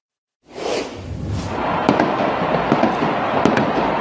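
Fireworks crackle and pop over a dense, steady roar of celebrating football fans in a square in Buenos Aires, Argentina, with several sharp bangs standing out around the middle and late part, and whooshing bursts early on.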